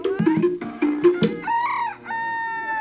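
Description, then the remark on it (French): A rooster, an old solitary one with a curved comb standing still in front of a farmyard, clucks in a few quick, choppy bursts, then lets out a loud, drawn-out crow that rises and holds, with no voices. “Un après-midi, alors que mon attention était attirée par un coq immobile devant la basse-cour, grand-père est venu discrètement derrière moi pour me prévenir.”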